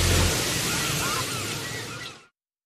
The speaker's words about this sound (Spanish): No son bocinas de autos. Son gaviotas a lo lejos. No, no es la hora del tráfico. Solo es una ola tras otra. Relájate.